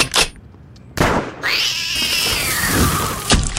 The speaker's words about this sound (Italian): E vede quel ramo lassù? Un gattino ci si è arrampicato e non vuole scendere.